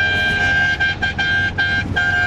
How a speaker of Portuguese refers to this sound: Que buzinada boa! Tá quase acabando, tá acabando o buzinaço, tá acabando o buzinaço, hein?